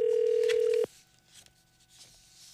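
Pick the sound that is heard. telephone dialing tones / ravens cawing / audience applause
telephone dialing tones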